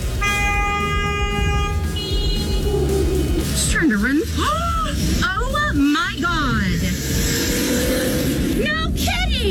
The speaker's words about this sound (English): Well, I mean, if you're going to chase a kid on a motorcycle down a sidewalk in your car, at least she had the decency to hit the horn first.